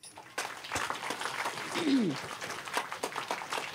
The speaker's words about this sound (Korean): 박수